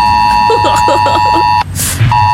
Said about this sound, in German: Also ganz viele Systeme werden da getestet. Das bedeutet, dass unsere Smartphones auch ausschlagen mit diesem fiesen Ton. Okay, seid nicht sauer. Ich spiele ihn ganz kurz, damit wir vorbereitet sind.